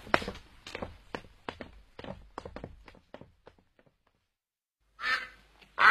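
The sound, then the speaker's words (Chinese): A domestic duck that has strayed from its flock quacks in a quick, rasping series of about ten calls, fairly loud, while someone tries to drive it ashore, then falls quiet before a sharper, louder burst of sound at the end. “哎，这是我家的鸭子，你要干嘛呀？”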